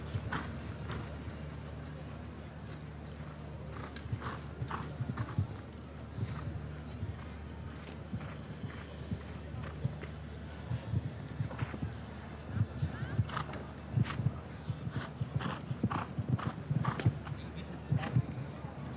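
A show-jumping horse's hooves galloping on the course: a quick, irregular run of sharp thudding strikes that grows louder and denser toward the end, over a steady low hum.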